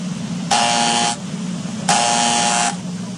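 A harsh electric doorbell buzzer sounds twice as a UPS delivery man is at the door, each burst lasting well over half a second with a raspy, steady drone, separated by a short pause over a low background hum.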